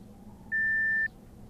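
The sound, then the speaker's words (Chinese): A single voicemail beep following a greeting that asks the caller to leave a message after the tone: one steady, high-pitched electronic tone lasting about half a second, clearly louder than the low background hum around it. “请在低声后留言。”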